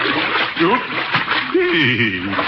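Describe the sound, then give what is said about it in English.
Steady, sloshing splashes of someone wading through water out to a boat continue throughout, moderately loud, with a person's voice briefly murmuring and chuckling over the noise. “Mind if I wade out to the boat?”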